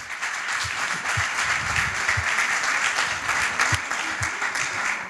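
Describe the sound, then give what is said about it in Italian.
Steady crowd applause for singers at an indoor event in Molfetta, Italy, many hands clapping at once in a dense, even wash of sound that holds at a fairly loud level without pause for about five seconds. “Perché qui ci sono i cantanti che sono qui, che sono arrivati anche da fuori Molfetta per cantare e hanno bisogno dei vostri applausi e del pubblico.”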